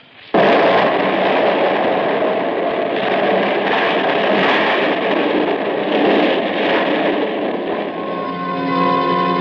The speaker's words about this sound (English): Everything else was exactly the same, including that 12 sticks of dynamite with the fuse sputtering. And now, the dynamite was going to go off because I wasn't outside to stamp out the fuse. And as we hovered there, it did.